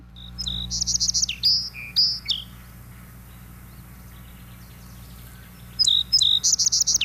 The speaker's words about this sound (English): Let's hear what a song sparrow sounds like. Yeah, it's probably going to be a bird that's familiar once you hear it. You'll say to yourself, I bet I've heard that before. Let's listen.